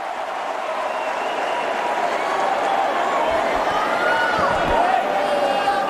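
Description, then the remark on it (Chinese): A large arena crowd in New York cheers and applauds steadily for several seconds, encouraging a player who is slightly behind. A dense, loud wall of noise swells slightly toward the end, with a few dull thumps underneath. “现场的观众也在给他加油鼓劲儿啊。”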